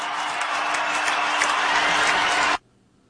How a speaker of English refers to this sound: And just listen to the ovation that LeBron James gets when his name is announced as a part of the Los Angeles Lakers starting lineup.